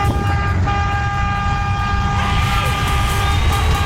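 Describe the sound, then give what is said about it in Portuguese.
A chorus of car horns honks loudly and continuously in a birthday honking tribute for Cata Bilal on Band FM radio, several sustained tones overlapping and joining in over a steady low rumble, with no talking. “Daí a galera do Brasil inteiro buzinando na Band FM, vai.”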